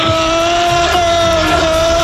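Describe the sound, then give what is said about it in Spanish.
Liverpool supporters shouting together in a stadium, a loud, unbroken roar with a steady droning pitch that holds from start to finish without any pause. “Ahí escuchamos a los, el grito de los seguidores del Liverpool y efectivamente el Poli Rincón, que se ha hecho con las baquetas del batería de ….”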